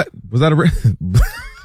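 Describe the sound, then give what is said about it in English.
A loud, throaty sneeze: a voiced, groaning buildup followed by a sharp, breathy burst, with a rough vocal tail trailing off at the end. “Bless you.”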